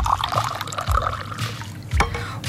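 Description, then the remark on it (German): Water with lime in it is poured into a glass to serve someone on a hot day, a steady liquid trickle with a rising tone and a few splashy bursts, heard on its own without talking. “Dann gieße ich Ihnen mal gerade auch etwas ein.”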